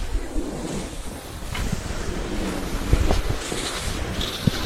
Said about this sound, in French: Le vent.